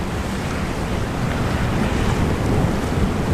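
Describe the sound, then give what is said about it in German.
Steady ocean surf rolling from the south toward the shore of a small island, a continuous broad wash of water noise with faint wind, no distinct breaks standing out and no voices. “Von der Dachterrasse aus sieht man, wie die Wellen vom Süden her auf die kleine Insel zurollen.”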